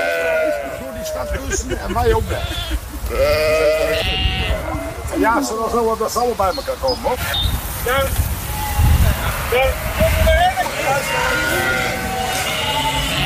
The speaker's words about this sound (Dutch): Tientallen schapen waren uitgebroken op zoek naar vers gras. En de politie besloot de weg af te sluiten en riep de hulp van een schaapsherder in.